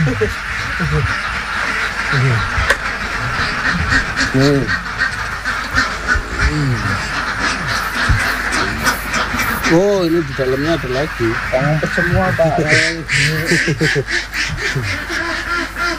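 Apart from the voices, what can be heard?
ducks quacking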